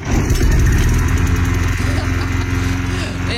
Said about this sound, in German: Ungeschriebenes Gesetz. Um diese Uhrzeit gehen die Rasenmäher an.